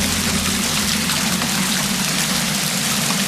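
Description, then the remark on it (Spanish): Hailstones pelt down in a dense, steady roar during an afternoon storm in Castellfort, in the northern interior of Castellón, with wind gusts of up to 68 km/h: a constant hissing patter of countless impacts, loud and unbroken throughout with no voices. “Es el sonido del granizo caído ayer por la tarde en Castellforte, en el interior norte de Castellón.”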